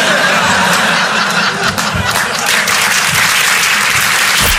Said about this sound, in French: Je viens d'être papa. Merci, merci, c'est sympa. Et vous êtes sympa d'applaudir ça, parce que franchement, à Paris, les gens, ils applaudissent plus sur ça.